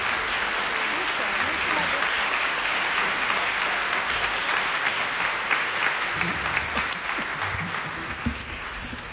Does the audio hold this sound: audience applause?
yes